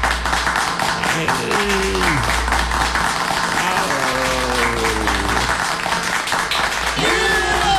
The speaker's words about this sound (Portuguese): dá os aplausos pra ela, dá os aplausos bem aplaudido, bem aplaudido.